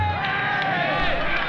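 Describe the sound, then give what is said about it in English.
A large crowd's dense, steady roar of many overlapping voices, a continuous wash of murmuring and shouting with no single speaker standing out, holding an even loudness throughout. “let alone a crowd like this”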